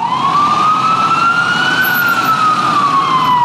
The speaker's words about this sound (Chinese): 1950年7月19日，警车呼啸着把曼哈顿的几个街区封锁了，卢森堡夫妇被带上了警车。